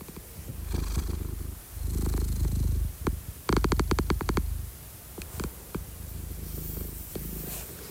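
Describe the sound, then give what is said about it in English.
A female cat purring, its low rumble broken into rapid clicking pulses, with a dense burst of sharp clicks midway and softer purring around it, no voices. “In case you don't remember, your girl, Hinata, she purrs like little clicks.”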